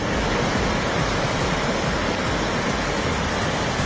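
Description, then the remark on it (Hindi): A dense, steady roar of heavy rain mixed with rushing water in the Chatru area of Kishtwar, with water filling the town, loud, holding a constant level for the whole stretch without pauses or voices. “किश्तवाड़ के छतरू इलाके में भारी बारिश, शहर के अंदर भरा पानी।”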